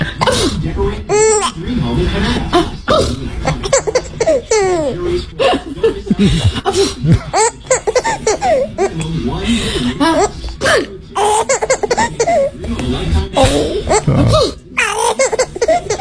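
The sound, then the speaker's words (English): A woman lets out a playful fake sneeze on a Saturday morning, and a baby answers with bursts of high, bubbly laughter and giggles that keep coming in quick, breathy waves, ending in a little gurgle, mixed with adult voices. “It was my dear wife, and it was a fake sneeze of all things.”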